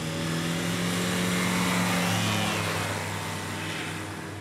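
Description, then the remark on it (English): A fuel-powered aircraft takes off in Korea with a loud, sustained engine roar, a droning low hum layered over broad rushing noise, easing slightly toward the end. “That's followed by a fuel-powered aircraft.”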